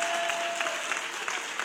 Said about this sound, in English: They're gonna give him a praise right now. Yeah, come on, hand clap of praise. Hand clap of praise.